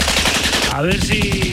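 Rapid, loud bursts of machine gun fire rattle continuously, with a descending whistling tone sweeping through midway, like a staged battle sound effect.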